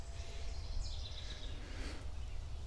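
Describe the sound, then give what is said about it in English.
A bird calls faintly, a brief run of high chirps partway through, set against a steady low rumble of wind or outdoor noise with no talking. “Yeah, hi, bird.”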